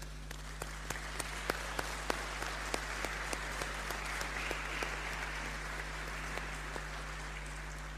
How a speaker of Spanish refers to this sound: Así es que puede ir junto al grupo que la acompaña de cursillo a dar la comunión y le damos un aplauso.